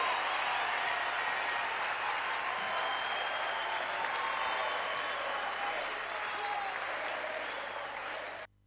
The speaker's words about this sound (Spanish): Fuerte ese aplauso para Black Rodríguez Méndez.